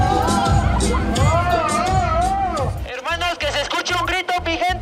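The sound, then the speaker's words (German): An audience murmurs and calls out in a muted, half-hearted reaction to a masked performer taking off his shirt, the mixed voices overlapping for a few seconds before a steady thumping beat takes over underneath. “Doch fürs ausgezogene Shirt gibt's für den Maskenmann nur verhaltene Reaktionen aus dem Publikum.”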